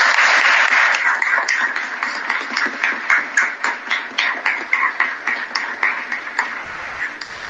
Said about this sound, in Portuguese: Então, parabéns para todos esses casais e vamos dar a eles uma salva de palmas.